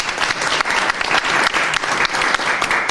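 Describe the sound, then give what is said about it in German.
Sustained audience applause, a dense steady wash of many hands clapping at an even loudness for the whole three seconds, with no voices rising above it, given for a guest taking part in a panel discussion. “Auch einen herzlichen Applaus für dich.”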